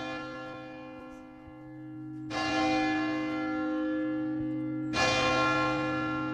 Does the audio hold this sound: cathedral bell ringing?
yes